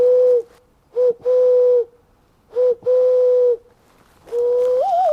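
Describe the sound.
In a forest, a man mimics wood pigeon and owl calls to signal wild animals to stay away, with steady, hooting whistled notes in short phrases separated by pauses, the last one rising and wavering. Fairly loud, no talking.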